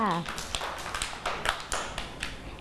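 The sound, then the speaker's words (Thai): Children clap for themselves for a couple of seconds after singing a song about occupations: a loose scatter of uneven, overlapping claps at moderate volume, with a brief voice at the very start. “เก่งมากค่ะเด็กๆปรบมือให้ตัวเองด้วยค่ะ”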